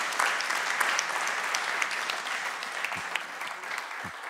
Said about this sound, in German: Das ist dein Applaus.